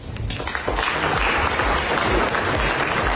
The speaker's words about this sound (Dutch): President Trump was in Frankrijk, waar hij zijn krabbel zette tijdens een diner in Versailles. Daarna was er applaus, onder meer van zijn collega Macron.